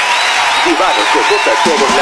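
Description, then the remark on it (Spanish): Steady applause from a large audience aired on Aurora Radio fills the whole moment, a dense wash of clapping with a voice speaking over it partway through. “Ese aplauso”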